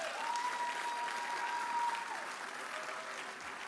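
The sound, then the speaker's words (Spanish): Sustained audience applause for a woman of God, a dense wash of many hands clapping at steady volume for several seconds, with a faint tonal hum running underneath. “Pero mira, puedes venir, ¿por qué no le dan un aplauso a esta mujer de Dios?”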